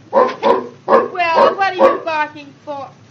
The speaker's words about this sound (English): Well, what are you barking for? Hello. Oh, you're beautiful, you great, big, big dog like you. You shouldn't have anything to bark.